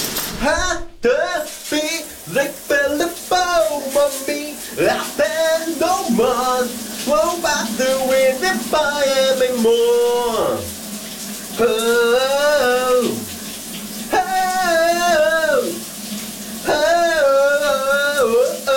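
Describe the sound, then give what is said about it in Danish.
A shower runs with a steady, hissing spray of water throughout, while a man sings loudly over the constant rush. “han folder sig ud under bruseren.”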